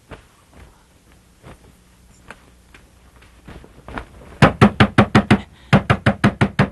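Rapid, urgent knocking on a door in the middle of the night: a quick burst of about six loud raps, a brief pause, then another fast volley of seven or so, insistent after a quiet start.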